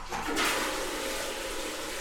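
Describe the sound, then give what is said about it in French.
A steady, loud rush of running water from a shower spraying, holding a constant hiss for the whole two seconds with no voices. “t'es partie prendre ta douche.”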